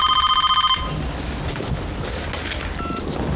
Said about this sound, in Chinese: 这么晚，怎么还有人打电话呀？